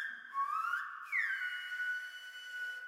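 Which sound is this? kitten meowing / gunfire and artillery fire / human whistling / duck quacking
human whistling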